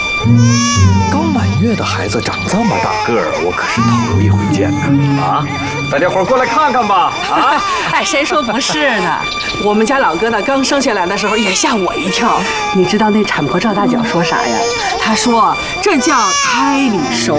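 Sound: baby crying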